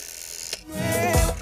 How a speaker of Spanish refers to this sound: Está discando la casa de Nona.